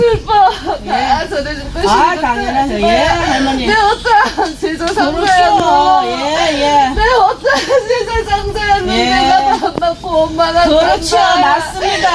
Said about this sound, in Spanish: Bueno, esta es una primera parte donde se escucha. ¿Pues está riendo o está llorando? Está llorando.